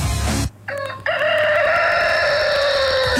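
A rooster crows loudly, a single long, strained cock-a-doodle-doo that rises and holds, following a brief burst of other sound at the start.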